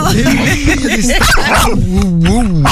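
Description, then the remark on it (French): A voice imitates an excited dog, loud: a rapid string of yips and barks, then drawn-out, wavering high whimpers and whines over the last second. “Et oui, quand on parle d'un chien, t'es content.”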